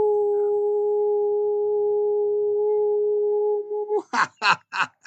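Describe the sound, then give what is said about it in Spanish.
A person holds a long, steady howl for about four seconds, imitating a dog or wolf. It ends in a quick series of four short, loud vocal bursts. “a todos los que están roncando, a todo el mundo, un gran aullido energético, como dice la portuguesa. ¡Au!”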